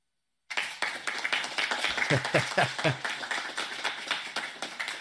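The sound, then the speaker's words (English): Scattered, modest applause from a crowd as Donald J. Trump is introduced at an event unveiling TrumpRx, a prescription drug website; it begins abruptly and carries on steadily, a patter of many hands clapping without cheers, with a few louder individual claps standing out briefly. “Not exactly boisterous applause as the orange leader was introduced.”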